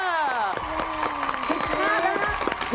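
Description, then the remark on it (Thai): Scattered clapping from a crowd, quick sharp claps mixed with cheering voices and excited shouts, steady throughout. “นี่เขาเสียงปรบมือ”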